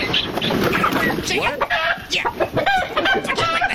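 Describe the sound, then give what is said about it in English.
Six chickens cluck and squawk in a busy, overlapping chorus in a yard, with sharp bursts of calls repeating throughout amid a noisy yard atmosphere. “Chickens. No, no, no.”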